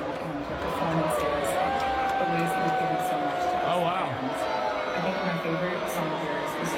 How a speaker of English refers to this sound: it sounded like it was met with more boos than cheers.